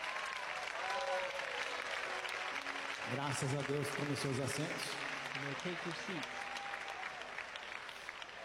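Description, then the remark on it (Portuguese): An audience claps steadily in a dense, continuous wash of applause to praise God, with a man's voice speaking over it partway through before the clapping gradually thins out. “Podem louvar a Deus com palmas.”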